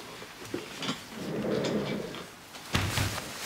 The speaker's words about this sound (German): Können Sie bitte die Tür schließen?